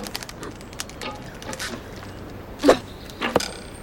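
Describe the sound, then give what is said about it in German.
An arrow is loosed from a bow and strikes its target, two sharp transients a moment apart against a quiet outdoor background, with no talking. “Leg den Pfeil ein. Atmen. Spannen. Fixieren.”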